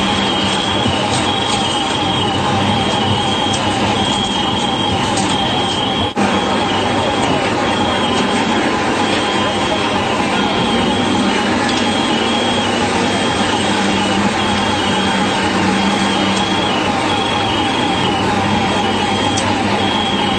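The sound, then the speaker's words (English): Over 300 firefighter PASS distress alarms chirp and shrill together under the rubble of the World Trade Center on the afternoon of September 11th, a continuous, overlapping chorus, steady and loud against a dense background rumble and commotion throughout. “What sounds like car alarms are over 300 pass devices under the rubble of the firefighters no longer moving.”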